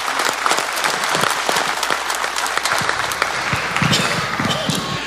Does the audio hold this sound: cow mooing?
no